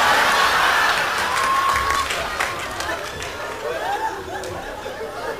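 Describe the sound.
A large crowd at a show where girls present named dresses roars and cheers steadily, a dense wash of many voices with scattered claps and a few high whistle-like tones rising above, fading slightly toward the end.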